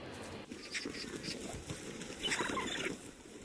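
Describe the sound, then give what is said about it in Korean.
Eagles squabble over food, a roadkill water deer carcass, with a busy scuffle of rustling, thumping and flapping as a camouflaged camera gets kicked, and a burst of harsh, rasping calls rising near the end. No one speaks. “독수리들의 식사 시간. 먹이 경쟁이 치열해지자 위장 카메라가 발에 채입니다.”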